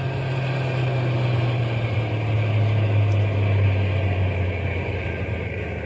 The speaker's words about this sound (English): We'll drive on a little bit and then stop the truck. But keep the motor idling so we can take off in a hurry if anybody comes along.